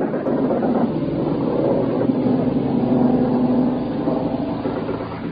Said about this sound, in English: George Hicks, broadcasting live from the deck of an American ship, provided Americans back home with a front row seat. Here we go again, another plane's come over.